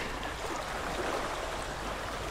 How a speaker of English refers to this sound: I can hear the water coming in.